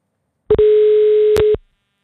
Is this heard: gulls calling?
no